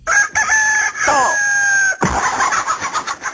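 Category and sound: bird, rooster crowing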